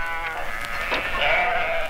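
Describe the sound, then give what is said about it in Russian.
A karakul sheep bleats in a long, wavering cry with a strong harmonic, nasal tone, fairly loud for about two seconds with no talking, from a 1976 recording. “Каракульская овца в нашей стране занимает колоссальные территории в республиках Средней Азии и Южном Казахстане.”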